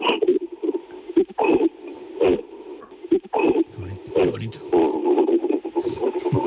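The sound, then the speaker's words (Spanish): A person imitates an angry gorilla's cough, producing a series of short, rough throaty bursts in an uneven rhythm, then a more sustained, grumbling vocal sound toward the end. “O sea, los gorilas hacen una tos, te hacen un...”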